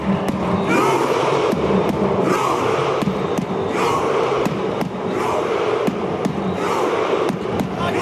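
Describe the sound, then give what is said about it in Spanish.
A Viking-style victory chant by Norway's football players celebrating a 3-2 World Cup win over Senegal: a crowd claps in a slow, steady rhythm, each sharp clap followed by a loud collective shout, over constant roaring crowd noise. “Los jugadores noruegos celebraban la victoria al más puro estilo vikingo.”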